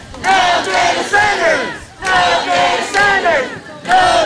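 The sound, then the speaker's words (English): Hundreds of protesters holding signs at Coachella City Hall chant loudly in unison against Stronghold Power Solutions' proposal to build six data centers in the city, repeating the same short rhythmic phrase about every two seconds, with many overlapping voices. “Hundreds held signs and chanted at City Hall to protest a proposal to build 6 data centers in the city.”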